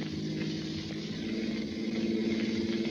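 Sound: car engine accelerating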